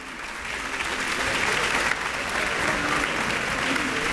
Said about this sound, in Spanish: Ha salido por cuarta vez ya el maestro Iván López Reynoso, que sigue recibiendo aplausos junto con la Orquesta Sinfónica de Xalapa.